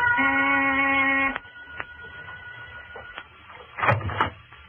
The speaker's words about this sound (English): I rang the door buzzer.